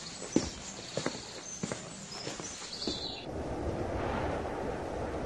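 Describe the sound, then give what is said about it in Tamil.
A few evenly spaced footsteps crunch as people walk to the shade of a peepal tree by a lakeshore, then a soft, steady rush of wind takes over, a gentle breeze blowing across the microphone with no voices. “ஆஹா, இந்த காத்தும் கூட மனசுக்கு இதமா தான் இருக்கு.”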